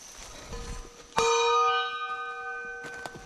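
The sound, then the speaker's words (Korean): A kkwaenggwari, a small Korean gong, is struck once with a sharp, bright clang while climbing into a deep mountain to scare off wild boars. Its shimmering metallic ring sustains and slowly fades, followed by a couple of faint taps near the end. “그래서 이제 저희도 이제 위험하니까 꽹과리 치면서 이제 올라가죠.”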